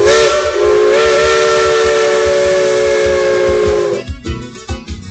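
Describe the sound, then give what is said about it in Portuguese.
A loud, sustained steam train whistle blows for about four seconds over a rumbling, hissing engine, then cuts off, leaving bursts of chuffing steam and mechanical clatter. “Estação 97, olha o trem, olha o trem. Não perde o trem não”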